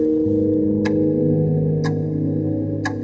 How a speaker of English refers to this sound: The clock ticks again, mocking me.